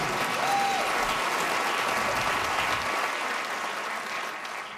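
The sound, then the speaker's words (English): An audience applauds a stand-up comedian's remark about self-esteem and Slurpees, a dense, continuous patter of many hands that stays fairly loud before easing slightly toward the end, with no voices standing out. “I don't know if you guys are clapping because I have self-esteem or I like Slurpees.”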